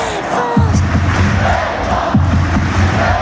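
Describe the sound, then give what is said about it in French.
A loud crowd of fans supporting the French national team (Les Bleus) at the CO'Met arena in Orléans chants in unison, with rhythmic low-pitched shouted syllables repeating over a dense, continuous roar of cheering voices. “On a chanté l'hymne comme des malades et on est ravis. Les chants sont encore bien en tête.”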